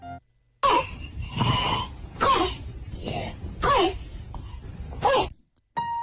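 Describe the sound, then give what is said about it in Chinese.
A run of about five harsh, barking croup coughs, hoarse and hollow like a small dog's yelp, loud and in steady succession with short gasping breaths between them; a barking cough that is a typical symptom of acute laryngitis. “这种像小狗叫一样的叫犬吠样咳嗽，就是急性喉炎的典型症状。”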